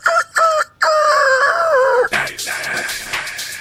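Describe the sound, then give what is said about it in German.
A rooster crowing alarm sound: two short clipped notes, then one long, loud, wavering crow that slides down in pitch, followed by a burst of rough, noisy clatter. “Wecker.”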